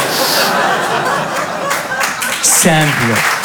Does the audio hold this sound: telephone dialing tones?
no